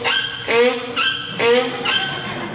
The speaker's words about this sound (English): There was a mule braying in the pasture.